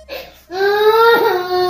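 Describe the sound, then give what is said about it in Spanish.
A young boy cries loudly, a short gasp followed by a long sustained wail that wavers and bends in pitch near the end. “Vamos a esperar que termine de llorar el niño, porque si no.”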